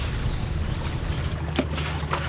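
A boat moves along the Jari River with a steady low engine drone, water splashing and rushing against the hull, and faint high bird chirps calling repeatedly in the background.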